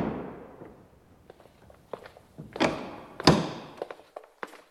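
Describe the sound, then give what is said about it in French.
The door of a historic apartment building opens with a series of knocks, clunks and thuds, two sharper bangs standing out, followed by lighter taps and shuffling, with no voices. “Quelques secondes après, la porte s'ouvre sur un immeuble chargé d'histoire.”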